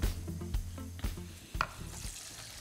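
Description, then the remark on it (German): Water is poured onto Basmati rice from the Himalaya in a hot pan, sending up a steady, loud sizzle and hiss, broken by a few low clunks and scrapes of stirring. No one speaks. “So, Wasser gebe ich drauf.”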